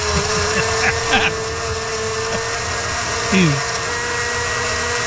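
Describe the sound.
A blender motor runs steadily throughout, a loud continuous whirring hum with a grinding, rattling edge, while brief bits of voices break through now and then.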